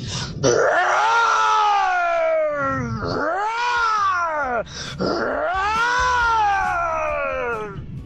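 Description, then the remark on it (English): A radio caller imitates a lion's roar with three long, loud, drawn-out vocal roars that rise and fall in pitch, sounding strained, almost like a wailing cat, with no other talking. “Okay, here's my roar.”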